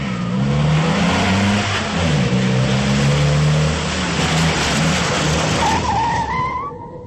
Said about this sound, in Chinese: 军营院内，一辆救护车急速驶来，停在了三号楼前。